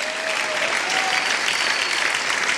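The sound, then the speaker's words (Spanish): An audience claps steadily, a dense wash of many hands at a fairly loud, even level with no voices breaking through. “Bueno, no sé si entendió para que aplaudiera o porque por inercia estaba usted aplaudiendo.”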